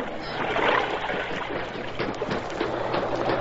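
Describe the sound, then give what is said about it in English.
Steady rushing water of an underground river flowing through a cave, a continuous churning wash with small splashy surges, moderately loud, with no voices. “He's in the underground river.”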